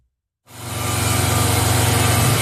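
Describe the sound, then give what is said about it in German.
After a brief silence, a power tool roars to life during building work at the Schwarzer Bär house on the Rheingasse, a loud, steady motorized drone with a rapid throbbing pulse that continues to the end. “Aus dem Schwarzen Bären an der Rheingasse tönt immer noch Baulärm.”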